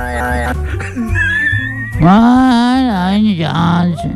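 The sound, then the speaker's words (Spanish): A man imitates an angry cat's meow: drawn-out, wavering yowls, loud, with a stronger, sustained cry in the second half. “No es un ruido. Es un maullido de un gato enojado.”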